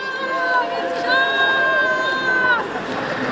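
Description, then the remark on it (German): A crowd cheers and murmurs continuously on the Bundesplatz in Bern on a cool autumn day in October 2016, as people push a long line of post carts with boxes of 120,000 signatures to the Federal Chancellery. A steady, high, horn-like tone sounds twice, first briefly, then for about a second and a half. “Da jubeln Menschen.”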